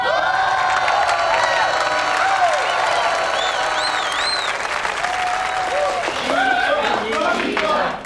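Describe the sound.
Steady, enthusiastic applause from a crowd at a party celebrating a student's exam success, welcoming the male lead onto the stage. It fills the whole stretch at an even loudness, mixed with cheering, whoops and scattered voices rising above the clapping.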